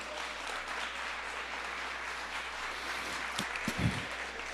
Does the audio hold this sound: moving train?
no